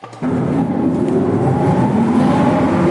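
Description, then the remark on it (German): A loud, steady mechanical drone starts abruptly and keeps running, a dense low engine hum with a rumbling, slightly rising tone: old motors of the former ventilation and power supply system switched on in the Simserhof artillery fort, an underground World War II fortification with tunnels near Bitsch. “Ein paar der Motoren für die ehemalige Entlüftungsanlage und Stromversorgung lassen sich tatsächlich heute noch anschalten im Artilleriewerk Simserhof.”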